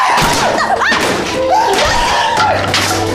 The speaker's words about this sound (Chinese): 行了，这是我送你的车，你凭什么砸呀？你想砸是吗？我帮你砸。